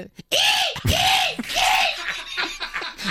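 A seagull calls loudly: three drawn-out, arching, nasal cries in a row, followed by a burst of shorter, choppier squawks, with no talking.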